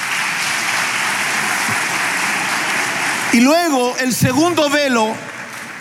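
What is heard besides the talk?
audience applause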